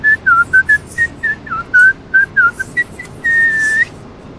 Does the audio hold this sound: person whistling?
yes